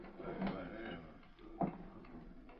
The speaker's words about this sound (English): Just step inside and shut the door.